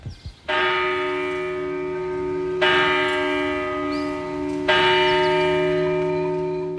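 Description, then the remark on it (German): The church bell of the Church of Saint Calixtus in the village of Brienz, Albula Valley, Graubünden, Switzerland, tolls three slow, evenly spaced strikes about two seconds apart on a cold October morning, each loud, rich ringing tone overlapping the last as the hour is struck, with no voices. “Die Glocken vor Kirche vom Heiligen Calixtus schlönt unbeirrt die Zähne.”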